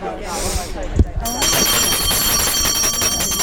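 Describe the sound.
After a brief stretch of voices, a bright, high-pitched bell starts ringing continuously, a rapid metallic jangle that stays steady and loud to the end while talk murmurs underneath.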